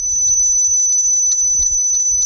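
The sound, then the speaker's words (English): A Florida bonneted bat's echolocation call, recorded by Ridgely with an echo meter microphone: a thin, high-pitched sustained tone with faint repeated pulses riding on it, over soft low rumbling handling noise, with no voices. “This is a call Ridgely recorded with an echo meter microphone.”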